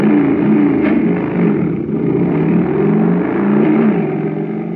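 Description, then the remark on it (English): A jet cycle engine, supercharged with super fuel, starts and roars, revving continuously for several seconds, its loud, buzzing drone wavering slightly in pitch as it surges, with no voices present. “But pour in some super fuel, and you get a super start, like this.”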